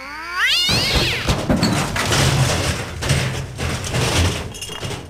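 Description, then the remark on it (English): A cat lets out a long, rising yowl that bends upward, followed by loud scratchy, clattering noise continuing for several seconds, fairly loud with no talking. “That's the drunken cat.”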